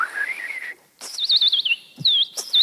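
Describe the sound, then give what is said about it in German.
A bird imitator mimics forest bird calls with bright, whistled chirps: a rising trill, a brief pause, then rapid warbling notes in quick bursts, fairly loud with no talking. “Und die Waldvögel werden sich vermutlich manchmal wundern über diesen Vogel auf 2 Beinen, der ihre Sprache spricht oder es zumindest versucht.”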